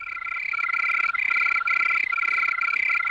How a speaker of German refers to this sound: Von diesem Brummbär jetzt zur singenden Grille. Grillen, habe ich gelernt, können zwar im Tempo variieren, also sie können schneller oder langsamer zirpen, aber das alles immer nur auf einer Tonhöhe.